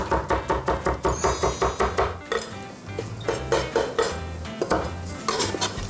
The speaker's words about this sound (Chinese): 对，好，豆皮切丝。